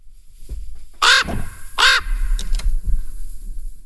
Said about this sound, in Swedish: Och så var det någon som sa att kaka, att det då skulle kunna vara typ en korp. Så här låter en korp.